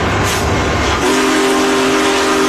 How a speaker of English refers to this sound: Majestic steam locomotive pulling into St. Louis Union Station. Big Boy was restored to celebrate the 150th anniversary of the Transcontinental Railroad's completion in 2019.